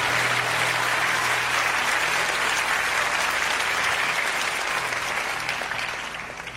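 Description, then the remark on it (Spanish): An audience breaks into loud, sustained applause for the King of Kings, a dense and steady wash of many hands clapping that holds for several seconds before easing slightly at the end, with no voices over it. “Fuerte el aplauso al Rey de Reyes.”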